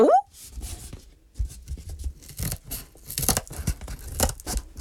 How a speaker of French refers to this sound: prend les petits ciseaux pour découper les murs de la maison en carton.